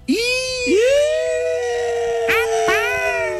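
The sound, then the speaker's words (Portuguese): A dog-like howl used as a jingle sound effect: long, drawn-out tonal calls that swoop up at the start and hold steady, with two short yelping accents near the end, loud throughout. “eu sou muito latido do cachorro. Eu sou muito fã dessa vinheta.”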